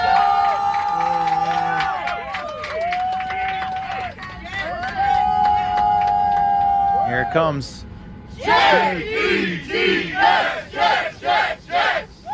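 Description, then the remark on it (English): A crowd of Jets fans on an early-morning flight home from Nashville to the New York area cheers and whoops, then breaks into a rhythmic shouted 'J-E-T-S, Jets!' chant, loud and pulsing in regular bursts, with a voice speaking briefly before it begins; a woman in full Jets gear hypes up the fans. “You got a woman in full Jets gear going up and down the aisle to hype up the fans as they're headed back to the New York area.”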